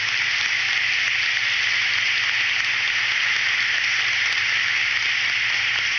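A church audience at a Mass applauds a person steadily for about six seconds, a dense, even wash of many hands clapping at once, with no voices rising above it.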